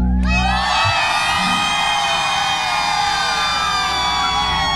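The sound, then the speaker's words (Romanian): A big crowd in Galați, Romania, screams and shouts at full volume at a live Radio Zoo event, a dense sustained roar that swells in right away and holds steady, with high-pitched whistling cries layered through it. “Cât puteți voi de tare, vreau să știe toată România câtă lume e în Galați pentru Autorota Zoo.”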